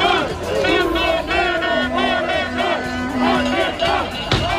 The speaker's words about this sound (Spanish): Así han protestado cientos de bomberos forestales públicos esta mañana frente a la sede del Gobierno regional en la Puerta del Sol.